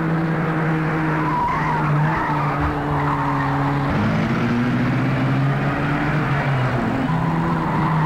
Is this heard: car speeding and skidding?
yes